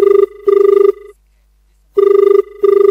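A telephone rings loudly for the first incoming call to the Akashvani Sagar radio phone-in programme 'Phone Karen Geet Sune', two bursts of a warbling electronic ring, a pause of silence, then two more bursts. No one speaks.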